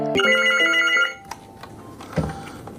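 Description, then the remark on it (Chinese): A telephone rings once, a loud electronic trill lasting about a second, then cuts off, leaving soft background noise and a few faint knocks. It is a police station phone at night, with a tourist calling for help about a lost phone. “派出所进行了换班，接班的两位民辅警上岗没多久，就接到了游客求助电话，又是有人手机丢了。”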